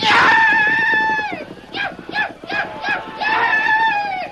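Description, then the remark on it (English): A man, as Tonto, lets out loud, wild war whoops while riding the horse Scout, carrying two men at breakneck speed through a blazing town: one long sustained cry, then a rapid series of short, pulsing yelps, ending in another drawn-out shout, unaccompanied. “In the confusion, Tonto depended upon speed and his wild yells to be taken for just another Blackfoot brave.”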